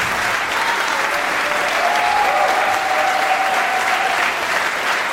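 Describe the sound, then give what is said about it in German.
Sustained audience applause for the performers at the live Tafelkonfekt on Tour concert in the Spiegelsaal in Eichstätt, a dense steady wash of clapping at an even loudness throughout, with a faint tonal whistle or cheer rising briefly in the middle. “Applaus für ….”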